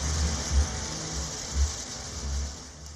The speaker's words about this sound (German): So wie der Song begann, so endet er mit einer Dusche.